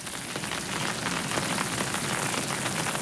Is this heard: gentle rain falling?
yes